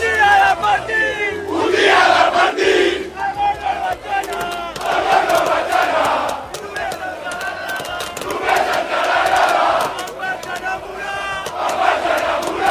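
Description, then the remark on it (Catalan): A large crowd of FC Barcelona fans in Plaça Catalunya, Barcelona, celebrating the league title as players Casado and Balde visit, roars and chants in loud, rhythmic waves, voices rising together in repeated swells of celebration with bursts of shouting and cheers throughout. “La van visitar i van estar amb tots els culers que celebraven el títol.”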